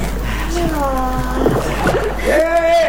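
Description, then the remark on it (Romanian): A boat comes toward the speakers through sloshing, splashing water at a steady level, with raised voices calling out over the watery noise. “Vine spre noi o barcă în care sunt trecere și ducere.”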